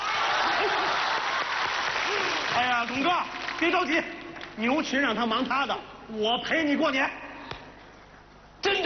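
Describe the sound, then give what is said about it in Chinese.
A large audience at a New Year celebration show claps loudly and steadily for a few seconds at a performer's request; then a man begins speaking as the applause thins into a softer background patter. “朋友们，今天是团圆的日子，您就伸出您温暖的手，为我这孤寡老人鼓鼓掌吧。”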